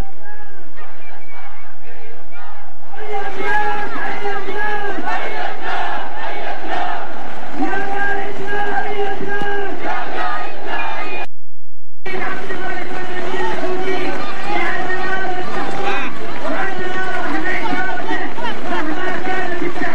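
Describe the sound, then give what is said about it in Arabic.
A large crowd of Yemenis at a rally in Al-Sabeen Square chants slogans in unison, renewing their mandate to leader Abdul-Malik Badr al-Din al-Houthi: loud rhythmic repeated phrases with a dense roar of many voices, briefly cutting out for a moment before the chanting resumes. “اليوم اليمنيون وأحرار الشعب اليمني جددوا تفويضهم المطلق للسيد القائد عبد الملك بدر الدين الحوثي لاتخاذ خيارات الردع المناسبة، وهذه الهتافات بالإمكان أن نستمع إلى جانب منها.”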